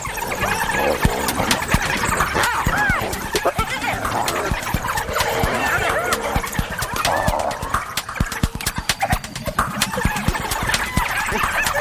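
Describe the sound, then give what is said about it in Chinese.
Four spotted hyenas squabble and fight among themselves, including a newly arrived low-ranking one, a loud, continuous tangle of squeals, yelps and whooping cries overlapping with scuffling noises throughout. “刚刚来的那只斑鬣狗地位比较低，斑鬣狗自己打起来了。”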